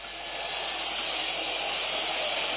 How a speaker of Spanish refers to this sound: Una silbatina aguda, penetrante, que va calando sobre el cuerpo de esos jugadores, algunos acostumbrados a jugar acá como Santiago Sosa, de pasado en River y en Racing